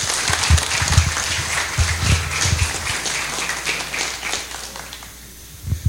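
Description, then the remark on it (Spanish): A crowd applauds the runners who took part in the campaign initiative, a steady, dense wash of many hands clapping at a fairly loud level, with some low thumps underneath, before the clapping thins and fades out near the end. “Así que muchísimas gracias y un aplauso para todos ustedes que estuvieron parte.”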